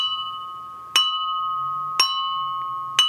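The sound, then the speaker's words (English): A china mug is struck three times at an even, roughly one-second pace, each sharp tap leaving a clear, sustained ringing tone that carries on between hits. Fairly loud, with no talking. “And of course, Mr. China Mug.”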